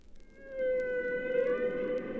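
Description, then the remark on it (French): A long, eerie humpback whale call: a sustained tonal moan with bright harmonics, slowly gliding in pitch over a hissy underwater background, with no voices present. “Les sons étranges et féeriques qu'ils émettent sont perceptibles de très loin et ne semblent provenir de nulle part.”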